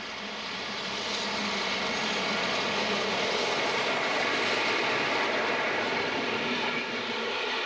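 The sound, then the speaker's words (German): A steam train rolls past at full steam near Frankenstein in the Palatinate (Pfalz), Germany, with a dense, steady roar of rumble and hiss that swells over the first second and holds loud throughout, easing only slightly at the end. No voices. “Mit Volldampf geht's durch die Pfalz, hier bei Frankenstein.”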